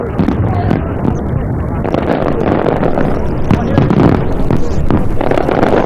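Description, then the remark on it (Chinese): Fireworks rising from the Yangtze River in Hubei, China, on an autumn night burst and crackle in a dense, continuous barrage, one pop overlapping the next, with a rumbling wind-blown background and indistinct crowd voices underneath. “接下来烟花继续盛放，我们把时间交给现场”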